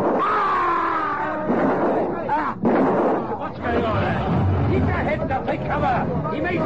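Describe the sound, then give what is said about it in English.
Gunshots fired from a car crack out at street level on a bright summer morning, over a noisy scene of shouting and crowd commotion, with a sharp burst of gunfire just after a brief lull midway through. “Take cover. He may shoot again.”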